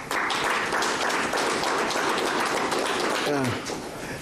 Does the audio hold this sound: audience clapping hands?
yes